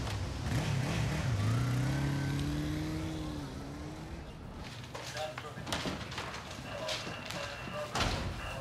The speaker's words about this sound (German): Ein roter Sportwagen? Das ist ein Spada. Ist doch nicht ihr Auto.